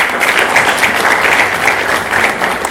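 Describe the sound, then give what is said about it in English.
A crowd applauds Dr. Nyamanu steadily, a dense patter of many hands clapping at even loudness throughout, with no voices heard over it. “Another clap for Dr.”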